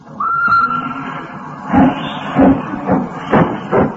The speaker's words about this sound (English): Hissing and snorting and growling and grumbling. Out of the station, the train comes a-rumbling, puffing out smoke and white steam in the dark